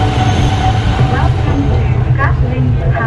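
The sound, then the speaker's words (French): A metro train on the elevated Line 2A at Yen Nghia, Hanoi, Vietnam, rumbles steadily along its track with a deep, continuous low roar and faint squeals from the wheels, loud for the whole stretch, with muffled voices underneath. “À Yen Nghia, aux portes de la périphérie encore rurale d'Hanoï, la ligne 2A permet de rejoindre le centre. Mise en service en 2021, après 10 ans de travaux et près de 8 années de retard, elle parcourt 13 km.”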